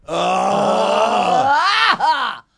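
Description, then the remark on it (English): A person lets out a long, loud, drawn-out groan of about two seconds. The low voice sags downward, breaks briefly, then rises into a short strained finish before stopping. “And then it ends up being more of a groan than a moan.”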